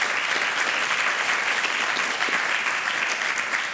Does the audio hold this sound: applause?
yes